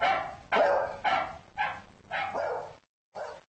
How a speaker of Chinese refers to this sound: 他对吠叫声做出了应答，他能察觉出其他狗吠叫声的不同之处，他的反应是不一样的。